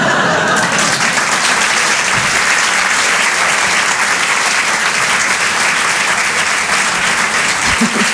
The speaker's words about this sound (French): Un peu d'applaudissements très fort